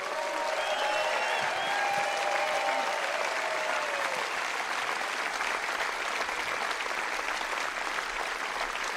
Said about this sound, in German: Einen riesen Applaus für die ganzen Techniker und alle Bediensteten hier.